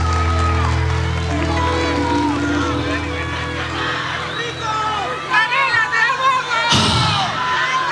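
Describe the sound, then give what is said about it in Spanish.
A large crowd at a live costumbrista festival claps and cheers loudly and continuously, with whoops and excited voices mixing into a dense roar, swelling near the end with a sudden sharp burst. “Ay, qué lindo, un aplauso, muchas gracias.”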